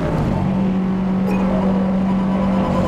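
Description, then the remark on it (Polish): A rally car engine drones loud, a steady throaty hum under rushing road and wind noise, its pitch holding fairly even as the driver lightly eases off the throttle. “Tutaj lekko puściłem gaz, bo czułem, że wynik samochód nie wyrabia.”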